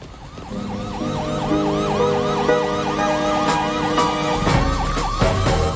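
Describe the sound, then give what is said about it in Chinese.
A loud siren wails in quick, repeating rising-and-falling sweeps from a tall, shiny siren tower. Sharp clunks and a low rumble join in toward the end, and no one speaks. “明明要建漂亮的中塔，而不是比天高、亮闪闪的汽笛塔。”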